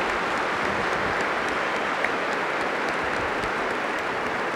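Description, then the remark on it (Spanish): A church audience gives a loud round of applause for all the mothers present, a dense, even clatter of many hands clapping at a constant loudness throughout, with no voices over it. “Les damos un fuerte aplauso a todas las madres aquí presentes.”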